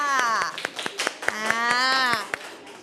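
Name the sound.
classroom applause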